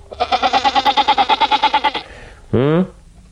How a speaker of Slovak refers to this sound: Ale nezabudnime na kozu, veď kvôli nej sa sem Zabeškin nasťahoval